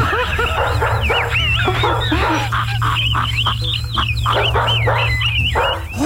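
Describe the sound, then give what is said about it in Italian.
Several dogs bark and yip excitedly at once, heard during a caller's phone call, a dense, loud chorus of overlapping barks and high whines that continues without pause, over a steady low hum. “Intanto perché sono curioso di sapere, ma chi è questo che ha telefonato con i cani che abbaiano?”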